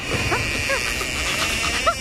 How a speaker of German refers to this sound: Wir haben Ihren Hund gefunden. Was? Meinen Schorschen? Genau. Hören Sie. Kneif ihn, damit er bellt.